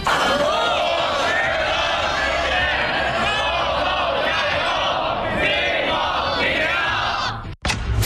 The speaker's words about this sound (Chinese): 接下来您将看到高考临近送祝福，500名学弟学妹为高三考生加油。